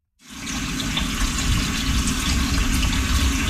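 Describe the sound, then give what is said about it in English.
Water runs steadily from a tap into a cooking pot, filling it about three-quarters full to be boiled on high with a little pinch of salt for making cornbread; a continuous rushing gush that starts abruptly and holds at an even, fairly loud level with no talking. “First thing of all, we're going to boil the water 3/4 of a way with a little pinch of salt on high until it boils, okay?”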